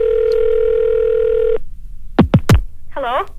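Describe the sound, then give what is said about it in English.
A steady telephone dial tone hums for about a second and a half, then cuts off, followed by a few quick descending chirps and a short warbling electronic tone, as a call is placed to Oshkosh, Wisconsin. “In fact, let's get on the phone right now and see if we can get a winner in Oshkosh, Wisconsin.”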